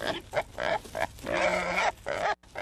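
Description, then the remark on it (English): Wild hogs grunt in a rapid series of short, rough bursts, building into a longer, drawn-out squealing grunt before a few more snorts. The sounds are loud, with no talking. “Wild hogs are destroying crops, sensitive natural areas, and lawns.”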